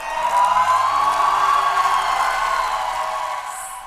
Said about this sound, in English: Crowds cheer for Hungary's new prime minister, Peter Magyar. He was sworn in this morning after unseating the country's leader for more than 15 years, Viktor Orban, in last month's election.